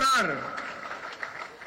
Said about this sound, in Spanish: Por eso quiero pedir un gran aplauso para los productores de nuestro país.